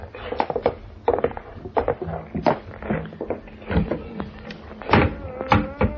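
A wooden trap door in a floor, leading down stairs to a cellar, being opened: a run of creaks, scrapes and knocking thumps over several seconds, fairly loud and irregular, with no voices.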